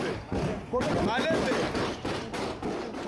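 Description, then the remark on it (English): Several sharp, irregular gunshot bangs crack through a chaotic crowd after police fire tear gas at mourners fighting over the coffin of an Ebola victim, with shouting voices and commotion running loudly underneath throughout. “Police introduced tear gas to try to regain control, but then chaos, riddled by the sound of gunfire.”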